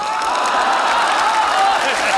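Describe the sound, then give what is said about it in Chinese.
Steady, dense applause from many hands fills the whole stretch at a loud, even level, with a few voices whooping and cheering over the clapping. “有欢呼声就更好”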